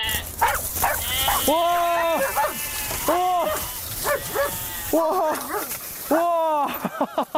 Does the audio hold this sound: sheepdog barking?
yes